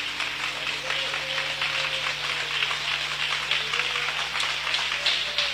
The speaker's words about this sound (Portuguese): Aplauda Jesus bem forte, bem forte, bem forte.